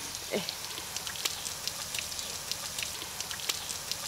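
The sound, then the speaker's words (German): A steady hiss of water sprayed onto an animal named Ole runs throughout, speckled with sharp droplet taps and spatters, with a brief low splash near the start. No one speaks. “Und er trinkt auch gerne aus dem sprühenden Wasser.”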